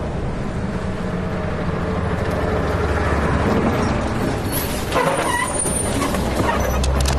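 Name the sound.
car driving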